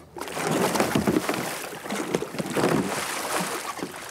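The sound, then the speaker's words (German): Continuous churning and splashing of water, with surges as a kayaker capsizes and performs a kayak roll (Eskimo roll) to come back upright, over a steady rush of wind; no talking. “Eines der wichtigsten Rettungstools in der Kajakszene ist die Kajakrolle oder Eskimo-Rolle.”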